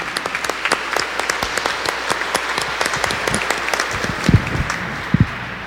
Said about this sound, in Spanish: Démosle un fuerte aplauso a nuestra Madre, la Santísima Virgen María.